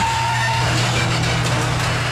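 A garage door grinds noisily, with a steady mechanical drone and low motor hum running throughout, fairly loud, with no talking.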